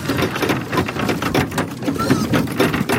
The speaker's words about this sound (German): Ein saumässiger Lärm. Im wahrsten Sinn, weil es so tönt, wenn 35 Schweine darauf warten, dass es Futter gibt.